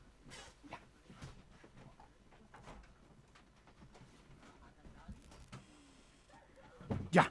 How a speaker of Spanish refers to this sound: Mil disculpas, sí, por lo que pasa es que el perrito este se me vino a instalar acá y sintió ruido afuera y por supuesto se puso inquieto, así que le fue a abrir la puerta para que vaya a cuidar acá, pues eso es lo que hace el perrito este, cuidar